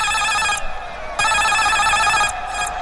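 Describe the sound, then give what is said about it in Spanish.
A loud electric goal-alarm bell on a football radio broadcast, marking a goal by Kevin Méndez in Calera (Unión Calera 1, Palestino 2), rings in sustained, rattling bursts with a bright metallic tone, cutting off briefly before ringing again, with no voices over it. “Alarma de gol, ¿dónde?”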